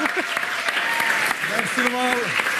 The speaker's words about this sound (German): Wir versuchen es mit einem grossen Applaus für unseren Lieblingsjuristen